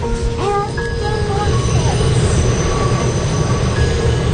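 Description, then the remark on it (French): A subway train travelling from Brooklyn to Manhattan rumbles steadily along the rails, with thin metallic squeals and whines from the wheels rising over a dense, loud low roar throughout. “en prenant le métro depuis Brooklyn jusqu'à Manhattan, où se trouve le centre Weill Cornell Medicine de l'hôpital New York Presbyterian.”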